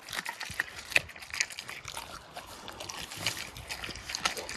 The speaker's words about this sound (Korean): 다들 잊고 계셨을 거예요. 이 친구의 몸에는 늑대의 피가 흐른다는 사실을! 그럼 감상하시죠. 몇째 씹어먹는 생닭 ASMR.